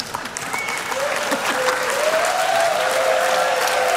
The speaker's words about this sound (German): Ja, das ist euer Applaus.